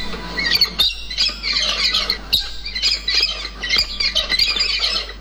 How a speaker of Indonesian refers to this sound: Kicauan burung-burung itu sesekali terdengar di hutan belantara Halmahera, manakala RRI mencoba menelusuri ke dalam hutan. Kicauan burung itu salah satunya terdengar dari satwa kakatua putih atau alba yang nyaris punah di hutan Halmahera.